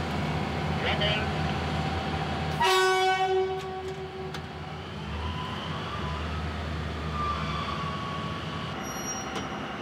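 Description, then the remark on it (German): A rail-replacement crew's work train, pulled by two old diesel locomotives with 2600 hp in total, rumbles steadily as it pulls away, with a loud, sustained horn blast lasting over a second early on, then the heavy engine drone continues. “Angezogen wird der Arbeitszug von gleich zwei alten Dieselloks mit insgesamt 2600 PS. Zug geht los, weg von.”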